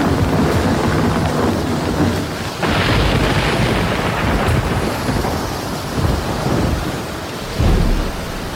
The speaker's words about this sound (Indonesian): Petir menggelegar sambung menyambung.